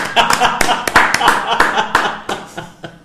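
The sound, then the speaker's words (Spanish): A crowd applauds with a dense, steady patter of many hands clapping for about three seconds, with voices mixed in beneath the claps before the applause thins out toward the end. “Por favor, unos aplausos.”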